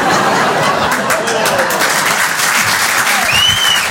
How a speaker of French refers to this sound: Ben, c'est les provinciaux qui applaudissent.